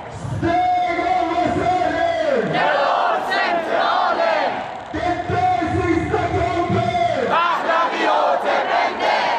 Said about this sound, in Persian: معترضان با سردادن شعارهای علیه جمهوری اسلامی و در حمایت از شاهزاده رضا پهلوی خواستار آزادی ایران و پایان سرکوب ها شدند